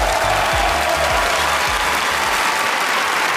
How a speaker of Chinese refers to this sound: 让我们再次掌声感谢已经换装完毕的朱世慧老师，还有他的两个徒弟丑行 Twins， 掌声。